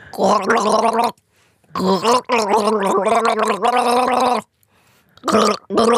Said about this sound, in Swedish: Ni ska alltså gissa vilken låt det är som jag gurglar.